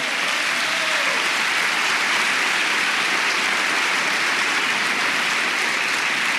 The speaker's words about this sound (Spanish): Vamos, si quiere aplaudir, aplauda con